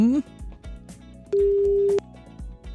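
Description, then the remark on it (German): An outgoing call's ringback tone: one steady, mid-pitched tone lasting under a second, preceded by a brief rising beep, over a quiet rhythmic background bed. “Mal gucken, ob er überhaupt ans Telefon geht.”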